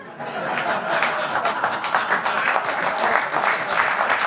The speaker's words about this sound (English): Oh, key joke. Finally gets applause.